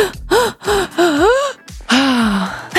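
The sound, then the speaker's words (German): As a breathing exercise, a person takes five quick, gasping inhalations in a rapid series, then lets out one longer, drawn-out exhalation. The breaths are loud and slightly voiced, with no talking. “Atmet 5-mal ein und nur 1-mal aus.”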